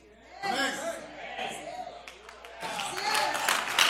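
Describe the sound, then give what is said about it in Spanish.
An audience claps during a pastor's sermon in a steady, scattered patter that swells louder toward the end, with voices talking and murmuring over the applause the whole time. “Los escépticos desgraciados que no aplaudieron, les voy a dar una.”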